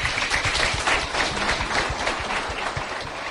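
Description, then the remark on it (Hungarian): A crowd claps steadily for a few seconds, dense overlapping hand claps forming a loud, even wash of applause with no voices over it, welcoming Bishop János Székely of Szombathely and Father Csaba Török at a Free University lecture. “Székely János szombathelyi megyés püspök, az MKPK-nak az elnöke látogatott el hozzánk, egy nagy tapssal köszöntsük őket.”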